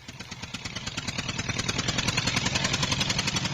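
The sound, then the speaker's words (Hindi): A diesel tractor engine chugs with a steady, rapid rhythmic thump, growing louder as it arrives in a village and then settling into a throbbing idle. “आ गया ट्रैक्टर।”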